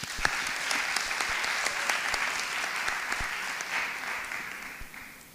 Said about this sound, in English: Let's give one more round of applause for their hard work as we get started.